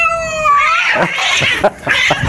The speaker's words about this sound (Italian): C'è un gatto.